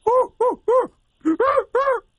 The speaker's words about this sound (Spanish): ¡Es un cuervo, güey!